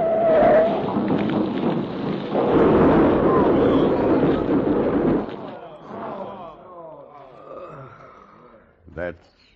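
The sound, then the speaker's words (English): A freight boxcar tips over on a curve and crashes into a flaming wreck: a loud, rumbling crash with a roaring burst of noise lasts about five seconds, then fades as voices talk over a low crackle, followed by one short thump. “Smashed up in the wreck of a flaming freight car.”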